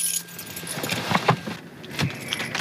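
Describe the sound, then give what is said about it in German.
Keys jangle in a few quick metallic bursts as a key is taken along after parking, bright clinks and rattles over a low background hum, with no one speaking. “Gut, dann wollen wir einen Schlüssel mitnehmen.”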